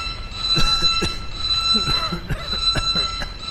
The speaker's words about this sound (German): Boko, schalte Alarm aus.